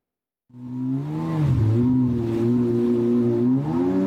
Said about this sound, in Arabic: النسخة الأحدث من الباراكودا، قارب مسير أوكراني الابتكار والصنع. تقول أوكرانيا إنه وأمثاله شكلوا رادعا قويا ضد الهجمات الروسية في البحر الأسود. بقوارب كهذا تهاجم أوكرانيا أهدافا على مسافات تبلغ 700 كيلومتر.